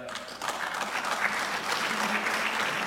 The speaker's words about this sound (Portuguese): Os aplausos da bancada do Governo e também do PSD relativamente a estes números aqui avançados pelo Secretário Regional das Finanças,